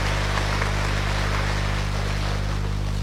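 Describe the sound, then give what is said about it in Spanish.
A church audience claps loudly and continuously to congratulate members, a dense, steady wash of applause lasting about three seconds with a low electrical hum running underneath and no voices. “Fuerte aplauso, se tomará.”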